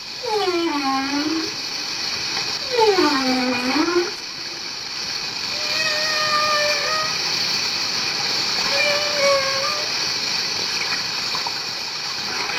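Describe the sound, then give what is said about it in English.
Whales sing over a steady watery hiss, heard from a clifftop as they communicate: two swooping, harmonic moans rise and fall early on, followed by long, level whistling tones at higher and middle pitches. “From our clifftop posse, we can hear the hissing, sighing and the incredible singing as these huge marine creatures communicate.”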